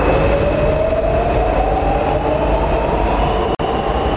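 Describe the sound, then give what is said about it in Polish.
A metro train in Warsaw, Poland runs loudly and steadily, its deep rumble joined by a rising electric whine as it speeds up, with one brief dropout near the end. “A dzisiaj jesteśmy w metrze?”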